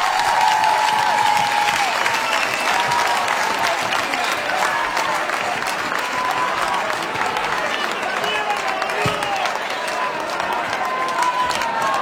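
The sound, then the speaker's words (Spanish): A crowd applauds steadily for the whole stretch, a dense wash of clapping that holds at a fairly even, loud level, with faint scattered voices mixed in beneath it. “Aplauso para ellos.”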